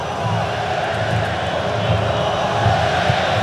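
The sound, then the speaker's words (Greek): A stadium crowd of Moroccan football fans shouts and roars continuously during a match against Brazil, a dense, loud wall of voices with rising swells of cheering throughout. “Όλοι φωνάζουν οι Μαροκινοί φίλαθλοι που βλέπουν την ομάδα τους να πατάει καλύτερα στον αγωνιστικό χώρο κόντρα στη Βραζιλία των 5 παγκοσμίων κυπέλων.”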